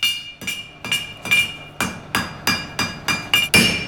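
A blacksmith hammers iron on an anvil, forging small iron potkuci, in a steady rhythm: about nine sharp, loud metallic strikes, each leaving a bright high ring that fades before the next blow.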